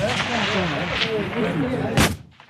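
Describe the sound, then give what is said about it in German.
Loud rifle shots crack out at a large 300 m rifle shooting range in Chur, one sharp blast standing out near the end over a busy background of other reports and murmuring voices. “Ein Gebäude weiter, ein paar Meter nebendran, im grossen Schiessstand. 300 Meter für Gewehr. Da ist viel los und viel lauter.”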